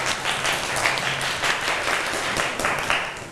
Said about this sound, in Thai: คุณครูขอประเมินให้กับกลุ่ม3นะคะปรบมือให้เพื่อน